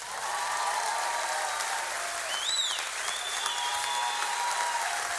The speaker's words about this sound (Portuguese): Quero uma grande salva de palmas calorosa para o Sr. ….